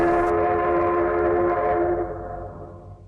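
A train's horn blows one long, steady, loud blast that gradually fades as the train arrives at Beidaihe station, with a low rumble of rail noise underneath and no voices.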